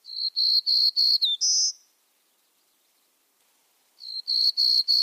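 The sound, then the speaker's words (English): A black-and-yellow warbler sings a buzzy song: a quick run of five high, raspy notes ending in a brief rising buzz, then silence before the same buzzy phrase starts again. “But on their wintering grounds in Central America, these songsters aren't the only buzzy black and yellow warblers around.”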